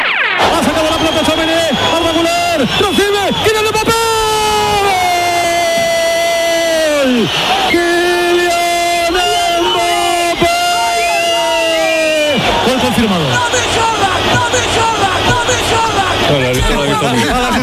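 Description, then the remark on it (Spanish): At the Oviedo–Real Madrid football match, after Mbappé's first goal, a fan in the stands bellows loudly about a metre from the radio commentary booth in long, strained, sustained shouts, rising and falling, over the steady roar of the big stadium crowd. “Radio Nacional de España, tablero deportivo, el domingo, Oviedo Real Madrid, primer gol de Mbappé y un loco en la grada dando gritos al lado de la cabina”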